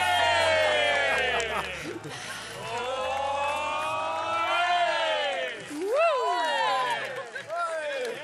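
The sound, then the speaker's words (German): An audience at a summer party cheers and shouts continuously after a close competition is won, many voices overlapping into a loud, excited roar with rising whoops and yells standing out near the end. “Und also hier wird sich gefreut.”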